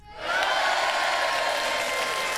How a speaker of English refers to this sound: I found the cheering. Woo! Great job.